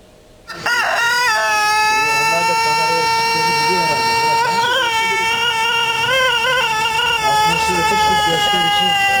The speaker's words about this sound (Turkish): Efendim, uzun ve ahenkli ötüşüyle ünü dünyaya yayılan Denizli Horozu'nun ırkı özel üretim tesisinde titizlikle korunuyor.